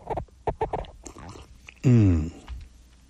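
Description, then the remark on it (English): Slurping and clicking sounds of someone taking a sip of coffee, followed by a loud, brief squeak as the cup rubs against the microphone, then quiet. “Sorry, it pushed up against the microphone. It was a little squeaky, wasn't it?”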